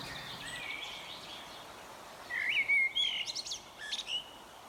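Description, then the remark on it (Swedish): Bright, varied bird song with whistled phrases and quick chirps, clearest and loudest in the second half, over a soft outdoor background hiss with no voices. “Vi får lyssna till olika fågelinslag och jag säger en kort.”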